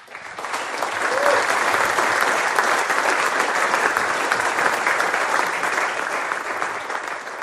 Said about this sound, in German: Ja, schön, dass ihr schon klatscht.